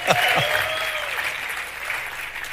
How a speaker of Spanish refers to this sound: ¿Cuánto le dan un aplauso?